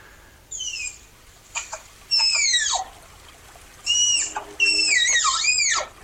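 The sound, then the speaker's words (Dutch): A tapir gives a series of high, thin whistles, short descending and wavering squeals in several bursts with pauses between, clear and loud over faint background noise, no talking. “We hebben ook een geluid van die tapir.”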